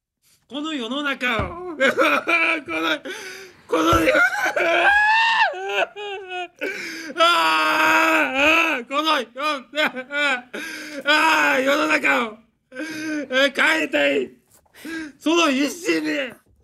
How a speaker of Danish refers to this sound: Altså undskyld, der vil jeg ikke sige gråd, der vil jeg sige vrælen. Altså det er jo det der er jo et fantastisk eksempel på, jamen det er jo ritualiseret. Gråd, ikke? Det er jo en performance. Enhver kan se, det der er ikke ægte.